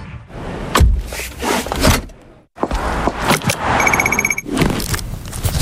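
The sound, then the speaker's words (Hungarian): A series of everyday clicks and rattles: a car seatbelt buckling, a crosswalk button with a short electronic beeping tone, and a bicycle helmet strap fastening, with brief pauses between. “Annyira magától értetődő, bekötni magad a kocsiban, megnyomni az átkelő gombját, feltenni a sisakot bringázásnál.”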